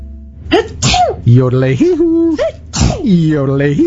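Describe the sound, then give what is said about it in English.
A person sneezes loudly, two or three sharp, voiced bursts in a row with drawn-out vocal sounds between them. “It's bless you, not little old lady who. But your sneezing reminded me Alberta Mountain Air now cleans ducks, and I had to yodel.”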